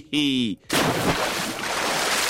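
A brief tonal, voice-like note gives way to a loud splash of water that crashes in abruptly and lingers as a hissing wash of spray for a couple of seconds.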